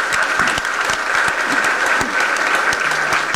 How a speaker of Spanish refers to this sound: Si quieren pueden dar un aplauso a los niños y a las niñas.